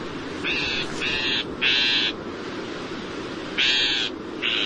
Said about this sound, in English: In fact, some northern shrike songs include phrases that closely resemble the calls of some of their prey species, chickadees, sparrows, and other tender feathered morsels.